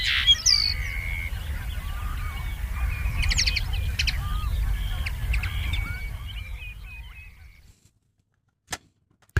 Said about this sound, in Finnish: Viikon luontoäänen hempon esitteli